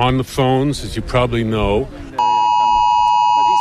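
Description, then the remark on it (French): A person talks briefly, then a loud, steady electronic alert tone cuts in and holds continuously. It is a harsh, sustained, unbroken phone emergency air-raid alarm, the ringtone sent to all phones with Israeli SIM cards during an air attack. “En cas d'attaque aérienne, une sonnerie comme celle que l'on entend à titre d'exemple est diffusée à tous les téléphones disposant de cartes SIM israéliennes, mais pas les cartes palestiniennes.”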